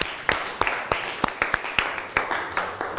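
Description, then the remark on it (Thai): Sparse applause from a small group of students, a dozen or so sharp, crisp claps landing at an uneven rhythm over a few seconds, with no talking, given at a teacher's request to thank an educational video about the endocrine system. “คุณครูก็ต้องขอขอบคุณสื่อวิทัศน์ที่ใช้ในการศึกษาในวันนี้ขอเสียงปรบมือให้กับสื่อวิทัศน์หน่อยค่ะ”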